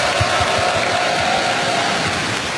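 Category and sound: crowd, audience applause and cheering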